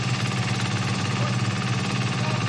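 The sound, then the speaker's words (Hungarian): Engines of a small boat and a crane run steadily, a continuous low droning hum with a rough, vibrating edge, loud throughout, with no voices. A lead diver is using the combined power of the boat and crane to break plates apart from the side. “A vezető búvár a kis hajó és a daru együttes erejével próbálja oldalról megszakítani a lemezeket.”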